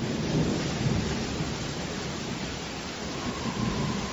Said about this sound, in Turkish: Fırtınayla karışık yağmur Mohaç Ovası'nın üzerinde deli gibi savruluyordu.